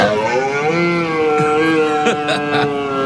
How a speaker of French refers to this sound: Alors, le brame du cerf, c'est beau hein, comme cri.